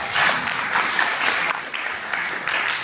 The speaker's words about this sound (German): Applaus.